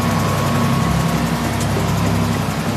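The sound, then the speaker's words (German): A boat engine drones steadily, a low, constant rumble with a humming tone that stays even throughout, with no voices. It is the engine of an old boat about 10 metres long, belonging to an orca research organization, out at sea. “Wir sind auf dem Boot seiner Organisation. Das ist schon ziemlich in die Jahre gekommen.”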